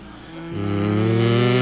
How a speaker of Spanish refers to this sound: Dijo la vaca.